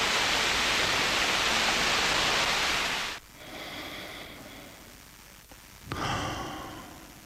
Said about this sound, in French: À l'instant, avec le bruit des vagues, bande originale d'un film assez incroyable, Rockers, qui se passe en Jamaïque